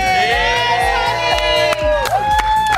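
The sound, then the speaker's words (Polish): A crowd of journalists cheers and shouts loudly and continuously, many voices whooping at once over steady rhythmic clapping, greeting Poland's Eurovision entrant after the semi-final verdict in Vienna. “Po jej występie internet zalała fala komplementów, a tak po werdykcie przywitali ją dziennikarze.”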